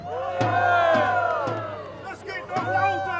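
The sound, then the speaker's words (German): A crowd cheers and shouts together outdoors at a street parade in Stralsund, Germany, with the town guard leading at the front, a dense wash of many voices rising and falling, with a few sharp thumps punctuating the noise at irregular intervals. “Das Volk jubelt!”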